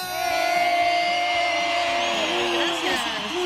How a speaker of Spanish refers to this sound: Recibamos desde la Facultad de Antropología de la UB a una mujer que sabe de arqueología del paisaje y de cosmovisión mesoamericana. Un aplauso para la doctora Lourdes Budá.